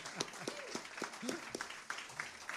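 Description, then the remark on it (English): An audience applauds a band of three musicians with dense, steady clapping for a couple of seconds, mixed with a few scattered whoops and voices. It sounds fairly soft. “I want you guys to give them a round of applause.”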